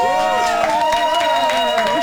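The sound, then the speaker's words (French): A studio audience claps loudly and steadily to encourage a columnist as if at a stand-up comedy show, with sustained whooping and cheering voices rising over the dense patter of hands for the whole two seconds. “J'ai limite plus envie de faire la chronique, juste vous écouter m'applaudir.”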